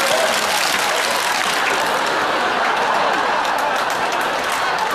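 Many hands clap together in a dense, steady burst of applause that holds at an even loudness for about five seconds, with no pauses or distinct individual claps.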